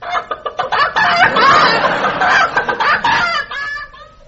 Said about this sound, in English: Chicken.